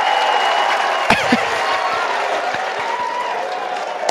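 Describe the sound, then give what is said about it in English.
A big stadium crowd of baseball fans cheers and screams at the Kentucky dugout during a West Virginia versus Kentucky game, in a loud, continuous roar that fills the whole stretch, broken by one sharp crack about a second in. “The fans immediately got up and started cheering and screaming at the Kentucky dugout.”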